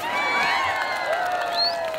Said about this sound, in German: Jede Woche um diese Zeit kommen hier Männer zusammen, um beim Pahlavani zuzusehen. Einer traditionellen Form des Ringens. Ziel ist es, den Gegner auf den Boden zu werfen. Der Gewinner erhält Applaus und ein paar Afghani.